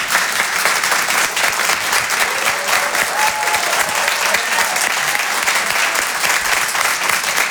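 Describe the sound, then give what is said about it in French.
Sustained audience applause after a stand-up comedy set at the Rire et Chanson Comedy Club, a dense, steady wash of many hands clapping at a constant loud level throughout, with faint voices or cheers barely surfacing in the middle. “Merci d'applaudir très fort Guillaume Fosco à l'instant sur Rire et Chanson.”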